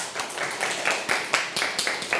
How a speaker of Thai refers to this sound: ปรบมือให้ทั้งผู้ฟังและก็ผู้นำเสนอเลยค่ะ